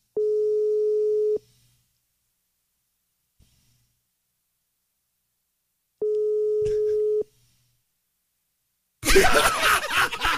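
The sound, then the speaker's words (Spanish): A steady telephone ringback tone of an unanswered call sounds in two long beeps separated by a pause, each about a second and a half, then a burst of loud noisy rustling cuts in at the end. “Conteste el teléfono, que yo no le voy a decir nada malo.”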